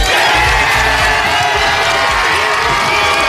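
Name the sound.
fan zone crowd cheering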